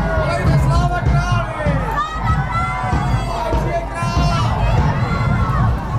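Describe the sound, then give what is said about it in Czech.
A dense, loud crowd murmurs and calls out continuously outdoors, with overlapping voices, some shouts and children's cries over a steady low rumble of bustle, as a festive historical procession moves from Pražská Street toward the main Masarykovo Square in Znojmo, Czech Republic, tossing commemorative coins into the crowd. “Slavnostní historický průvod vyrazil z Pražské ulice a pomalu míří městem na hlavní Masarykovo náměstí.”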